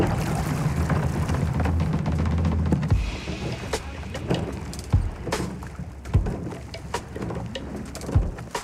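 A rowing crew of eight men and a woman pushes off in their boat on a sunny morning: a low rumble, then scattered hollow knocks and splashes from the hull and oars, with birds cooing faintly.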